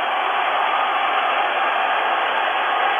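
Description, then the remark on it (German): A huge stadium crowd in Hamburg's Volksparkstadion roars in celebration of a goal giving East Germany a 1:0 lead, a dense, unbroken wall of cheering that stays loud and steady throughout, sounding slightly muffled and tinny, with no voices standing out. “Und es jubeln im Hamburger Volksparkstadion nicht nur DDR-Bürger, meine Hörer.”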